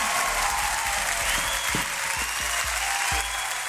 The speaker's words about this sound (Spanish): Un aplauso grande para ellas.